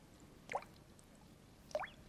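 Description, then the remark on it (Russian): Two distinct drips of spring meltwater fall about a second apart under the spring sun, each a bright plinking drop landing in water, against a quiet outdoor background with no voices. “Капель. При нынешнем весеннем солнце этот звук уже редкий.”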